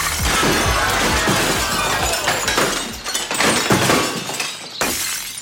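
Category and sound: impact, champagne glass pyramid shattering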